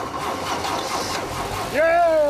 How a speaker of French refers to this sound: On a bossé trois semaines sur cette voiture et c'est la veille du jour fatidique. Là, c'est le moment où on va savoir si tout ce travail a payé et si le moteur va démarrer. Prêt?